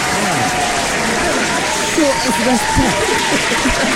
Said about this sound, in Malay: Tepuk tangan sikit untuk orang kopi. Orang kopi. Geng kopi ni.